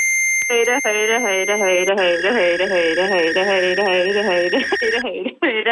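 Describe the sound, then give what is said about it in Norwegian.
A steady, high-pitched test beep from a phone holds unbroken for about five seconds, then cuts off, while a person's voice repeats "høyre" (right) in short bursts over it as the right eye is measured with the phone held still. “og mens du hører den pipelyden, er det veldig viktig at du holder telefonen helt stille, og så må du se rett mot kamera.”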